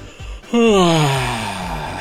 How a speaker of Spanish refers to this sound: Y ahí te va el ejemplo, mira, checa, te voy a bostezar y también lo vas a hacer tú.